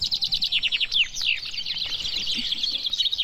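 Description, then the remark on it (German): Eighteen chaffinches sing at once at a traditional finch singing contest in Wennekenstein in the Harz, their bright, rapid trills and descending phrases overlapping into a dense, continuous chorus, with no voices. “18 Finken haben hier auf einmal geträllert beim traditionellen Finkenmanöver in Wennekenstein im Harz.”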